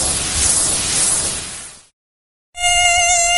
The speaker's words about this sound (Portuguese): A Aedes aegypti, combata esse mosquito.